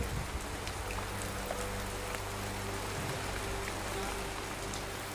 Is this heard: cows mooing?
no